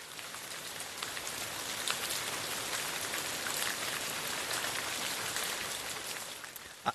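Steady rainfall hisses continuously, a dense wash of fine droplets pattering like a shower, with scattered brighter drop ticks and one sharp tap at the very end. No voices.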